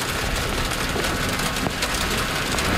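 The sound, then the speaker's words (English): Heavy rain pours down steadily outdoors at the Rushbrook Floats dock in Prince Rupert on the British Columbia coast, a dense, constant hiss with scattered drops spattering on hard surfaces. No one speaks. “It's a rainy day here at the Rushbrook Floats in Prince Rupert.”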